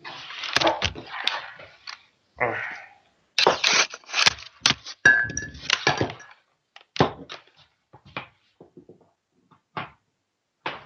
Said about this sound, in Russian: Так, пардон, я сейчас воткну ноутбук в розетку.